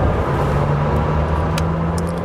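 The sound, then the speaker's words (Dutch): A powerful Lamborghini Temerario supercar engine rumbles loudly, holding a steady droning tone with a few brief mechanical clicks, and no one speaks over it. “Hoe snel het gaat en hoeveel toeren het draait.”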